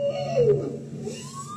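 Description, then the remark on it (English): An underwater bowhead whale call from the Arctic, recorded by scientists with hydrophones deployed from a vessel: a single low, moaning tone that bends downward in pitch, with faint harmonic overtones and a hissy ocean background, heard alone without any talking. “That's a bowhead whale.”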